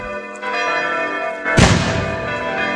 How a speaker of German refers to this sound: Und mit Böllerschüssen werden wir dahin begleitet. Und natürlich mit dem Klang der Glocken der Pfarrkirche.